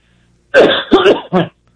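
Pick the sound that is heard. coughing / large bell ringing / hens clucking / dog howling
coughing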